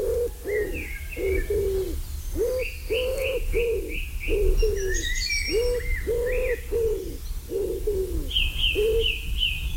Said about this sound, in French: Le pigeon ramier, la palombe, bien sûr.